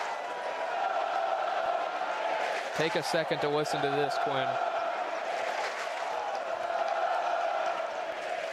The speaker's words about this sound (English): I don't even know if they heard me say gone with how loud the crowd was. The crowd mic wasn't even up. I had to turn it up. Well, you're hearing it now. Here comes Morgantown in full force.